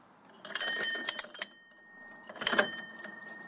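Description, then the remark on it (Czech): A doorbell at a house next to František Palacký's birthplace in Hodslavice rings in two bursts, each a rapid metallic trill of about a second, separated by a short pause. It is clear, with no talking. “Zazvonil jsem, no, ještě zaklepu pro jistotu.”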